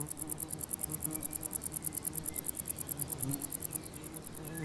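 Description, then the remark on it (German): Bush crickets stridulate in a farmer's meadow: a conehead bush cricket (Schwertschrecke) makes a rapid, steady buzz like a sewing machine while a wart-biter plays more softly, a continuous high-pitched pulsing chatter with a soft hum beneath, no voices present. “Dieses Nähmaschinengeräusch stammt von einer Schwertschrecke, während der Warzenbeißer eher Pianissimo spielt.”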